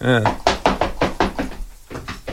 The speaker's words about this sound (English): Oh, wait a second. There's a knock at the door. I have to go answer the door.